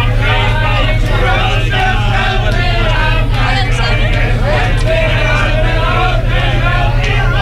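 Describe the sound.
Packed cafés roar at night with a dense crowd, many overlapping voices chattering and calling out at once, loud and continuous, over a steady low rumble.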